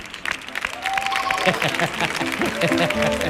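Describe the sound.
A crowd claps steadily and loudly throughout, a dense, even wash of applause with a brief whistle-like tone and a few voices rising over it.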